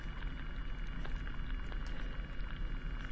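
Hydrophone recording made at low tide in a saltwater bed of seaweed and sea urchins: a steady, dense crackle of tiny clicks and pops over a low rumbling wash, constant in loudness throughout, with no voices.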